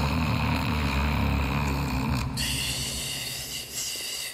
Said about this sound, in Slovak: Zajko bol po prebdenej noci taký unavený, až zaspal aj napriek chladu a prievanu. A zaspal naozaj hlboko, lebo o chvíľu už nahlas chrápal.